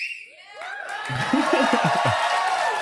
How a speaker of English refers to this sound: Didn't it kind of sound like the crowd's applause sign came on a little late? Exactly. Yeah. Like there's a little delay.